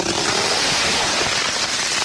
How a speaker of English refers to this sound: McCreese thinks that if there is water underneath the ice, it would have to have tidal movements, and these would be revealed through the sound of cracking ice, similar to what we're listening to right now.